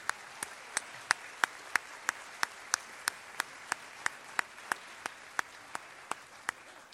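Steady, evenly spaced hand claps, about three per second, sharp and crisp over a soft background wash, sounding like sparse applause for the candidates running for mayor of Penticton at a candidates' event, holding the same rhythm throughout. No one speaks.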